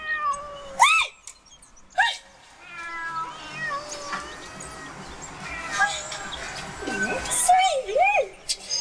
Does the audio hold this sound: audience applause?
no